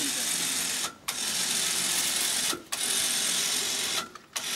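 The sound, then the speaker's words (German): A sewer inspection camera robot being lowered on its winch into a Munich sewer: a steady mechanical whirring and clatter that briefly cuts out roughly every second and a half before resuming. “Jetzt lass ich runter, Kamera.”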